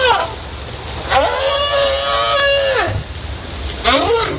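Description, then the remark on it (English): Whale calls played from a CD player through a car-engine-sized underwater speaker lowered over the side of a boat: three tonal, moaning cries rich in harmonics, the middle one long and sustained with rising and falling pitch, over a steady low rumble. “This is what we played, and it had quite an effect. Whales came in from all directions and formed a surface active group about 500 or 600 meters away from the Zodiac.”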